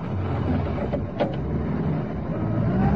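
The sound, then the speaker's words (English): A police sergeant starts a patrol car and revs the engine, which rumbles steadily, with a brief mechanical clatter partway through and a slight rise in intensity toward the end, no voices present. “The sergeant guns the engine into life”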